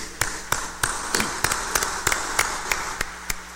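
Applause in a steady, evenly spaced rhythm of sharp claps, roughly three per second, over a soft background hiss, with no voices.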